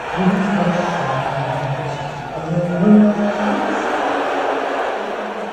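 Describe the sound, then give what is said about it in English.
A large arena crowd at a Knicks game against the Spurs booing as Trump appears on the Jumbotron during the national anthem: a sustained, low, droning roar of many voices that swells briefly, heard from within a dense, echoing mass of sound. “And when Trump showed on the Jumbotron during the national anthem, they booed louder than they did when the Spurs came on the court.”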